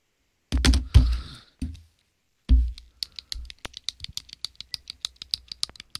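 A few heavy knocks of handling a pen, then a quick run of small, sharp clicks ticking along steadily, like a ballpoint being fiddled with. No one speaks.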